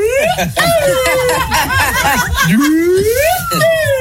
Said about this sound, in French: Mec, c'est une flûte, ça. Ah oui, c'est un petit pipeau, là. C'est un pipeau, ouais.